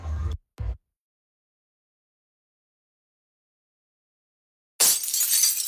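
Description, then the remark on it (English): A sharp crack and a brief thud, then a long silence before a loud, bright burst of car windshield glass shattering and scattering, harsh, with no voices. “Oh, what the heck? Cracked windshield?”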